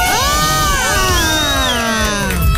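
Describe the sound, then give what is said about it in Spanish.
A crowd of girls in an audience scream excitedly together for a singer, high piercing shrieks overlapping and sweeping in pitch, loud and sustained across the whole stretch with cheering beneath. “La chica se ha venido a gritar nomás hoy día.”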